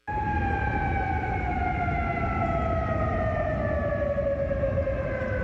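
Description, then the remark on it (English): Air raid sirens wail steadily across Kuwait City over a broad rumble of city noise, their long sustained tones sliding slowly downward in pitch and echoing, as the military intercepts incoming Iranian missiles and drones. “Those sirens heard across Kuwait City, where the military says it is actively intercepting incoming Iranian missiles and drones.”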